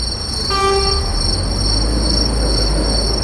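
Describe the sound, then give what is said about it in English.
A train horn blares briefly over the steady low rumble of rail traffic at a busy station, with constant high-pitched mechanical whine and no voices. “The route led from the gallery through the busy railway station, where the artificial swarm contrasted sharply with the sounds of trains, commuters, and city life.”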